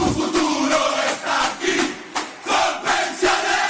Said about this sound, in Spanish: La tribuna revienta de la dicha porque para ganar este partido estamos todos en la cancha.